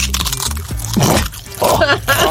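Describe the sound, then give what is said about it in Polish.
A dry crunching from a knee joint, coming in two or three short crackly bursts with brief pauses between them. “O, tak chrupie.”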